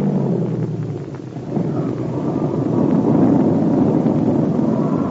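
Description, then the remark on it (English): A propeller airplane engine drones steadily in flight, a loud, rumbling roar that swells slightly louder partway through, with a rushing, wind-like texture and no voices. “Yeah, it's an enemy plane. The Nakajima AN-1.”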